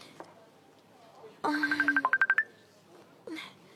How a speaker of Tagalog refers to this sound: Ang cellphone ko.